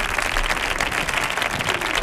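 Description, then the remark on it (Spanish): A steady burst of applause from a crowd on the Canal Sur Radio programme El show del comandante Lara, dense overlapping claps holding an even loudness throughout with no pause or voices on top. “Un aplauso para Carlos y para Lucy.”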